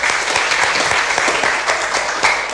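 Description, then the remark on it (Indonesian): Steady applause from a group of children, a dense, continuous patter of many small hand claps at a fairly loud, even level with no talking over it. “Tepuk tangan anak-anak.”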